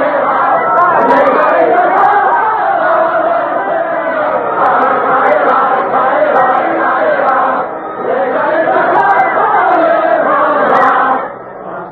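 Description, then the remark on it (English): A large crowd sings a rousing French revolutionary song, a French dance tune set with revolutionary words about hanging aristocrats from lanterns, loud and continuous, with many voices blending into a dense chorus that briefly dips before surging on. “They're singing about hanging all aristocrats from lanterns.”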